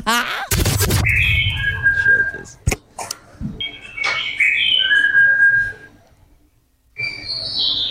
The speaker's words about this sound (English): The birds feel like they are doing the same sequence, which I know that birds do that, but it feels... could be on a loop. Could be on a loop.